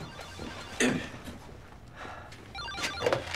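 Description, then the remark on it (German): A telephone rings faintly, its tone sounding in a short burst near the end, with a soft thump and some low background shuffling earlier. “Sie gehen mal ans Telefon.”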